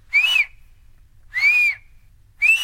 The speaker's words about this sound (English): My brother taught me to whistle.